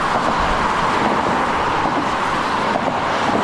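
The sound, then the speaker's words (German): A steady, dense roar of road traffic on the Nordbrücke motorway bridge in Bonn, Rhineland, with a broad, continuous rumble and hiss, loud and unbroken throughout; more than 100,000 cars a day have crossed the bridge. “Mehr als 100.000 Autos sind bisher pro Tag über die Bonner Nordbrücke gefahren.”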